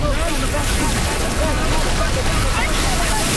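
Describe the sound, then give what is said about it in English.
Small ocean waves wash steadily onto Lawrencetown Beach in Nova Scotia, used for bodyboarding lessons, a loud continuous rush blended with wind buffeting the microphone, with faint voices murmuring underneath. “The waves are small, but perfect for bodyboarding lessons on Lawrencetown Beach.”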